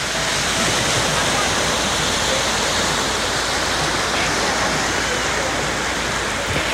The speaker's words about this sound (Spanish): Però nosaltres avui hem volgut comprovar com és l'activitat de la platja un poc més pronte. Cap a les 9:30 del matí aproximadament, la mar sonava així.